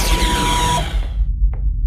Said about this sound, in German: Kein Wunder, die Türen waren ja weit offen. Ich habe ein ganz mieses Gefühl. Scheiße, die feindlichen Soldaten kommen rein und die Türen schließen sich.